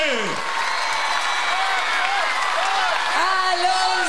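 An audience, asked to applaud louder, applauds steadily and loudly for several seconds, the dense clapping mixed with rising whistles and scattered cheers throughout.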